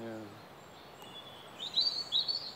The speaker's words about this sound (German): Und die Löcher? Du kannst sie immer noch sehen. Jetzt leben Vögel drin.